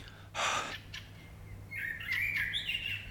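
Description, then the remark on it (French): Birds sing in a quick, bright run of chirps and twittering phrases over a low steady hum of background ambience, with no voices, in the morning at the Jardin des Plantes garden in Toulouse. “Je me mets pieds nus sur l'herbe, redécouvre l'essence de la vie, la farandole des oiseaux qui chantent en ré.”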